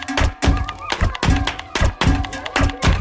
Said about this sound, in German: du kannst auf meiner Computertastatur Geräusche machen. Mach ich, Conny Computer. Ihr seht zwar etwas benämmert dabei aus, aber klingt gar nicht schlecht. Da klatsche ich doch gleich mal im Takt dazu.